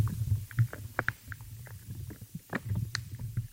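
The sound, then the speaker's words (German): Quiet, irregular little pops and crunchy clicks from life in the soil, recorded underground, scattered over a low, steady rumble, some sharp and bright, others dull and soft, with no voices present. “Also mal hat man ein kleines Ploppen, mal ein Knurpseln.”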